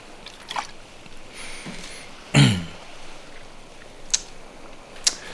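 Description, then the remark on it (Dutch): A quiet sip of water followed by a louder swallowing or throat-clearing burst, then a couple of small sharp clicks, like a glass being set down, with no talking. “Ik ga even een slokje water nemen.”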